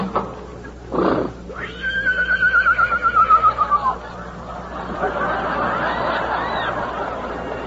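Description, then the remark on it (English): A lame horse lets out a loud whinny in a bitter storm, its voice rising then trembling in rapid pulses for a couple of seconds before fading into a breathy snort and background rustle. “But still we may not ride the horse.”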